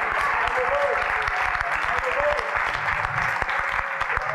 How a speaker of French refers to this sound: Alléluia, applaudissez le Seigneur.